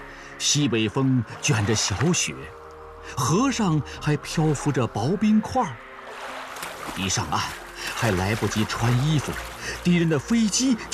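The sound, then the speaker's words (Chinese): Water sloshes and splashes steadily as people wade through a river in midwinter, carrying grain carts across, with thin ice floating on the river and a northwest wind blowing light snow, mostly buried beneath loud voices talking and calling out to one another. “大家都跟着下了水，隆冬时节。”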